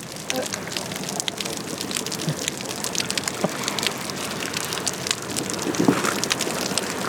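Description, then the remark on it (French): Water heard underwater slapping and splashing against a floating yellow buoy, a steady dense crackle of small irregular hits with occasional louder splashes, continuous throughout with no voices. “Parce que elle nage près de la bouée jaune et c'est comme si de l'eau tapait sur une bouée.”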